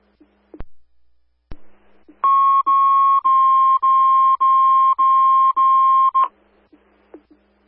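Fire dispatch alert tones set at 17:24 for station coverage: a loud, steady electronic tone holds for about four seconds with brief rhythmic breaks, preceded by a couple of sharp clicks and followed by another click, with no talking.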